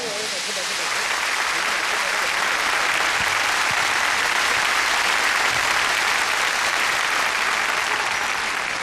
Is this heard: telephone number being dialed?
no